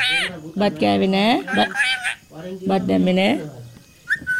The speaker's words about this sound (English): Chutti the parrot demands rice from her perch on a balcony in Dambagula village.